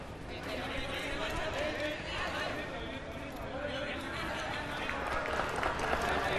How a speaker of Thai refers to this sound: เสียงปรบมือกองเชียร์เริ่มดังขึ้นเรื่อยๆแล้วตอนนี